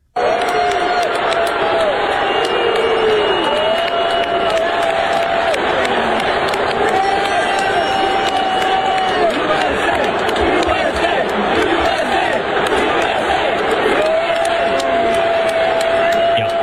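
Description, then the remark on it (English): A stadium crowd at Yankee Stadium during a Yankees–Mets game on 9/11 roars steadily, booing a person who ran onto the field with a Palestinian flag and chanting "USA", loud and unbroken, with sustained drawn-out vocal tones rising above the dense wash of voices throughout. “They booed him and chanted USA, apparently threw beers at him and everything, and he got tackled by security.”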